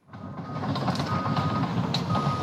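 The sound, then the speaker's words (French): Heavy machinery rumbles and clanks steadily while a thin, high electronic reversing tone sounds over the engine noise: an excavator backing up as excavators help firefighters isolate a fire in Blagon, Gironde. No one speaks. “en direct de Blagon, en Gironde, où des pelleteuses sont en train d'aider au travail des pompiers dans ce combat.”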